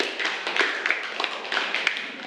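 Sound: clapping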